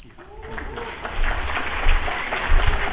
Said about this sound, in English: You may want to hold that applause until it's done.